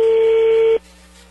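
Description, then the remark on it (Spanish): A loud, steady electronic telephone tone holds for under a second as a number is dialed, then cuts off abruptly, leaving only a low background hum. No one speaks. “vamos a llamarle a Ana Lidia”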